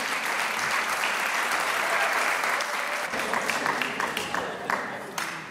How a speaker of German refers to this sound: Und wir begrüßen mit einem kräftigen Applaus hier auf der Bühne im Konzerthaus den Chor der öffentlichen zweisprachigen Volksschule 24 Zbor Jaune Dvojezične Ljudske Schule Stiri in Dvajset Celovec Klagenfurt.